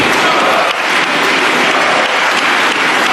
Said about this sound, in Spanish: Uno de los aplausos más largos que se había producido en el Congreso de los Diputados duró 96 segundos. Febrero de 2020, aplaudían a la derecha de Sánchez a José Luis Ábalos.